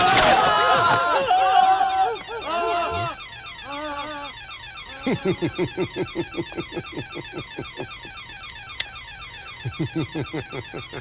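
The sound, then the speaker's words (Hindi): An electronic alarm rings loudly and continuously, a rapid warbling pulse repeating several times a second, with brief squeaky vocal sounds over it at the start. “साले डेढ़ो शहर, तुझे क्या लगा था अलार्म बजते ही लॉकर से पुलिस बाहर आ जाएगी?”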